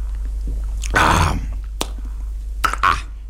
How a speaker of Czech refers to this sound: Stará hospůdka dýše klidem a pánové Snětina a Heroun pomalu a s rozvahou utírají rukávem kraje sklenic, než se napijí. Pan Snětina dlouze a mlčky. Pan Heroun s hlučným mlasknutím.